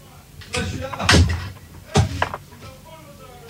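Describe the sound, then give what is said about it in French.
A door is pushed shut with two solid, close thumps about a second apart, while a voice murmurs faintly in the background. “Oula, faut fermer la porte, là.”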